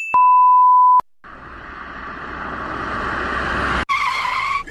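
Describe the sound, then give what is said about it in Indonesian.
A short electronic beep, then a car's tires screech in a long, loud skid that rises in pitch before cutting off abruptly, with no voices, as the car nearly crashes because of a motorcycle racing against the flow of traffic. “Astagfirullah, hampir Mi kita menabrak.”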